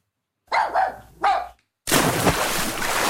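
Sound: dogs barking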